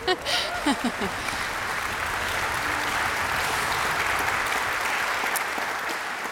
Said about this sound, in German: Sie haben gerade sicher schon für ihn geklatscht, aber ich darf Sie noch mal bitten. Stanko Madic, unser Konzertmeister.